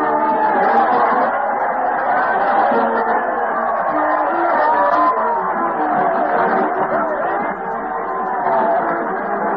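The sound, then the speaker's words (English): A large crowd roars and cheers continuously as Fred Allen leads a parade to the old Town Hall on the radio show Town Hall Tonight, a dense wash of many overlapping voices that stays loud and steady throughout, with only a brief dip near the end. “Listen to that crowd cheer as Fred Allen leads the parade to the old Town Hall.”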